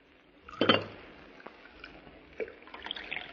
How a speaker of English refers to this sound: Well, he looks clumsy, but he poured the coffee as well as a man could.